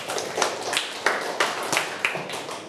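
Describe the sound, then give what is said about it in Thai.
A small group of students claps for a classmate's good answer in a classroom, producing a brief burst of fairly steady, overlapping hand claps at moderate volume, with no one speaking over it. “เก่งมากเลยครับปรบมือให้เพื่อนหน่อยครับ”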